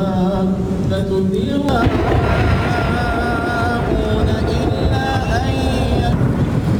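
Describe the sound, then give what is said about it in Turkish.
A loud, steady roar of heavy rain and storm wind at the Kaaba in Mecca, Saudi Arabia, fills the whole recording, with a crowd of voices murmuring and chanting underneath as hundreds of Muslims continue circling the Kaaba in the rain. “Suudi Arabistan'ın Mekke kentinde şiddetli yağış ve fırtına kayda geçti.”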